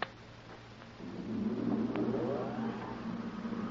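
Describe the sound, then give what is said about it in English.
The engine of Tex's car hums steadily as he calls from it, swelling louder after a second as it revs up, with a low rumble and rising whine continuing to the end. No one speaks. “It's Tex, calling from his car.”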